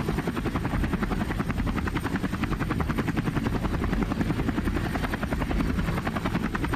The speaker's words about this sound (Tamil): wait Beulah, கொஞ்சம் wait பண்ணு, helicopter கிட்ட வந்துருச்சு